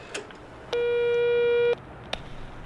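A single one-second burst of a steady telephone ringing tone, heard through a handset receiver held so others can listen in while calling a taxi company, buzzy and slightly tinny, rising out of quiet room noise and then cutting off abruptly.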